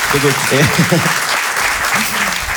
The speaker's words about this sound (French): Un applaudissement.